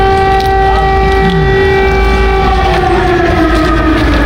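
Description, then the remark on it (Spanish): Air raid alarms sound in Kyiv, Ukraine, during a visit by German chancellor Friedrich Merz, blaring in a loud, steady, sustained tone rich in harmonics, the pitch sagging slightly toward the end, with a low rumble underneath and no voices. “Y con el sonido de fondo de las alarmas, el canciller alemán Friedrich Merz en Kiev.”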